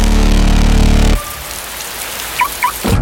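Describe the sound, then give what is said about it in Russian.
A loud burst of music cuts off abruptly, giving way to steady rain falling with a soft, even hiss, broken by a couple of brief high chirps near the end, opening a Belarusian radio advertisement for Hello car-sharing. “Надоел дождь?”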